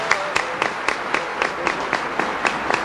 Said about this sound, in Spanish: Un aplauso para Cristo Jesús. Más fuerte, más fuerte.